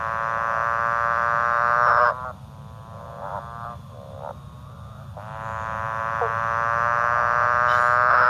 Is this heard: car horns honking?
no